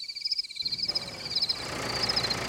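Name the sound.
tractor engine idling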